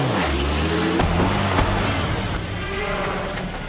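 A truck engine rumbles loudly, its low drone dipping in pitch as it pulls away, with a few sharp clunks and steady road noise underneath; the driver has started the engine and is intentionally running over a man lying on the ground.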